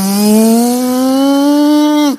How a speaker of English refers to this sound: And this Uber driver is driving faster. You hear the engine revving up because he's trying to get these two crazy boys back to their hotel as fast as he can.